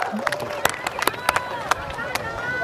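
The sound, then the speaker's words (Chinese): Scattered, uneven handclaps from a small outdoor crowd of villagers welcomed to a harvest festival in Shuige Village, a few sharp claps spaced irregularly over steady background chatter and voices. “鼓掌鼓掌，好了”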